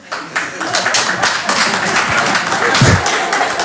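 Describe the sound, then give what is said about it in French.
An audience claps to show who would be up for going to war to defend the country, a steady, dense patter of many hands for a few seconds, moderately loud, with murmuring voices mixed in and a low thump near the end. “Par applaudissement, qui serait chaud pour y aller, là?”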